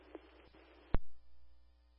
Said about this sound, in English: Stoughton Fire Department conducts the nightly tone equipment test.